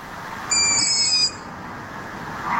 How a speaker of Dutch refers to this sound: Ze heeft 3 jonge ransuilen in de boom die de godganse nacht zitten te piepen.